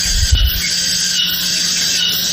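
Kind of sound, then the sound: insect, cicada buzzing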